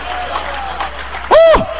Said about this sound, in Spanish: Dale un aplauso al Cristo de la gloria.